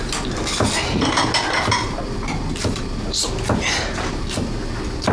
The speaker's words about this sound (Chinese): 帮我把碗筷摆上去。五副啊， 五副。